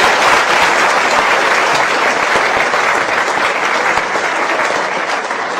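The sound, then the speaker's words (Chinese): Steady, sustained audience applause for two audience volunteers joining a comic sketch, a dense wash of many hands clapping at an even, loud level without pause. “大家给点掌声。”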